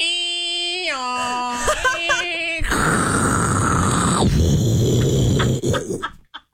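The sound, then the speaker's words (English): A voice imitates a dial-up modem connecting: steady high tones stepping in pitch, a run of chirpy warbles, then a loud hissing, crackling screech that holds for a few seconds before cutting off. “Do old dial-up.”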